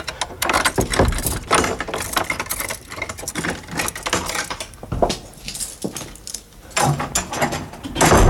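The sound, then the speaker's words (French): Rattling and clunking of an old house door being opened, with metallic latch and key-like jangles, a few sharp knocks and scraping creaks spread over several seconds, no voices. “Ça donne drôlement envie d'aller dans le domaine de Georges Sand à Nohant, d'ouvrir les portes de la maison.”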